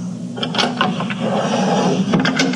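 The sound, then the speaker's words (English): The top drawer of a wooden dresser slides open and shut as a bottle is put inside, with a few scraping, clattering bursts over a steady low hum, no voices. “Quick, let me put your bottle in the top drawer of my dresser.”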